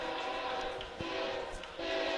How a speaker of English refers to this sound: you can hear a train in the distance, as they like to use the horn.